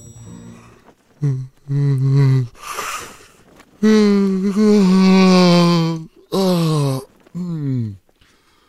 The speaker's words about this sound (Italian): Ma ce lo spiega bene il nostro premio Nobel per lo sbadiglio. Lo sbadiglio! È contagioso.